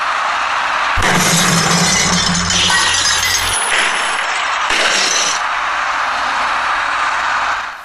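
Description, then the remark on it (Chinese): A loud burst of glass beer bottles smashing and clinking on the road as dozens of cases of beer slide off the tilting rear bed of a truck turning left at an intersection, a dense crash lasting a few seconds, then a second shorter clatter, with low traffic rumble underneath throughout. “当这些掉落于地的啤酒瓶子被砸碎之后，大量的啤酒洒了出来，还有一些啤酒瓶子滚落到一旁的非机动车道里。”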